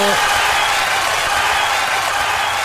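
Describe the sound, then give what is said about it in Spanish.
A steady burst of applause for the El Roble shoe store in the centre of Angol, dense and even, with many hands clapping at a constant loud level for a few seconds and no pauses or voices on top. “Un aplauso para la gran tienda del calzado.”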